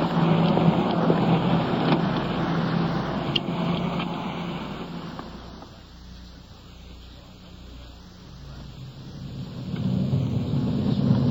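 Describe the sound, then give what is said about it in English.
A police car drives off, its low engine rumble and road noise steady, easing quieter midway before swelling again near the end. No one speaks. “So, let's get back to our car and get underway.”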